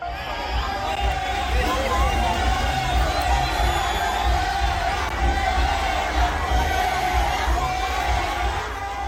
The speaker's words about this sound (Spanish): Al grito de fuera y con rechiflas fue recibido el exgobernador Alejandro Murat durante un evento de la presidenta Claudia Sheinbaum en Huajuapan de León, Oaxaca.